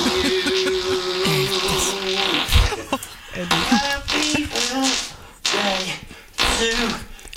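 Happy Birthday is played as a tune of farting sounds by the professional fart artist Mr. Methan: a string of buzzy, pitched blasts stepping up and down in melody, loud, with brief gaps between phrases.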